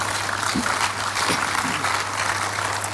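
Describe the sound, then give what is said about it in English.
A large crowd claps steadily and densely for the Lord after a prayer, a continuous wash of applause at fairly loud level, with a low hum underneath and faint voices mixed in. “I'm sure we can clap better for the Lord.”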